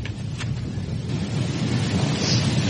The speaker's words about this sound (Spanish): Se escucha el agua. Muy ruidosa, ¿no? Esa es la gracia.